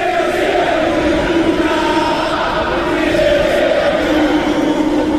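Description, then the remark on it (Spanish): A packed crowd at the Monumental football stadium in Argentina chants in unison for a player, a dense, loud roar of many voices rising and falling steadily for several seconds with no break. “Mirá, a ver cómo se escucha, cómo lo recibimos. Este es el Monumental.”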